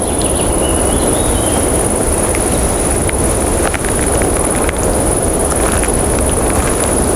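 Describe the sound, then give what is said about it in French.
In a little-visited mountain forest, a steady, piercing insect drone holds one high pitch throughout, over a broad rushing hiss, with a few faint, scattered bird chirps flickering in the background. “Le son aigu de l'insecte et quelques chants d'oiseaux diffus composent ce paysage.”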